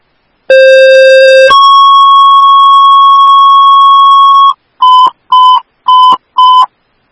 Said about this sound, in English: Cottage Grove Station 1AF. These are your tones to respond for the ALS fall at Cottage Grove White Pine Memory Care.